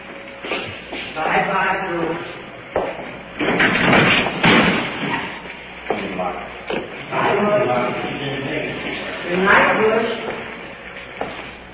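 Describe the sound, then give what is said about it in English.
In a cell block, a jail cell door slams shut with a sharp, heavy thud among a few other knocks as a prisoner is placed in the cell, while people talk throughout. “Jailer's opening the door for us. Prisoner's placed in the cell. Secure.”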